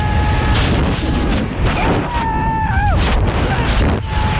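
Loud, steady roaring wind rush fills the whole clip, with a man's high, wavering scream rising and dipping through it about midway, as a 1Live radio listener freefalls during a parachute jump in Stadtlohn.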